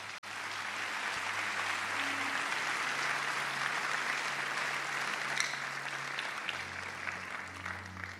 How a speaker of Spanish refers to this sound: Dale un aplauso a Dios.